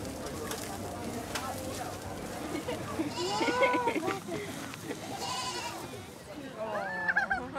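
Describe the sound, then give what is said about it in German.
Goats that are the stars with visiting guests at a farm event bleat in three wavering, mid-pitched calls spaced a second or two apart, over a steady murmur of people talking in the background. “Ihre Ziegen sind die Stars bei den Gästen.”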